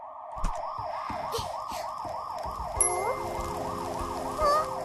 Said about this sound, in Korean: 이거 소방차 소린데?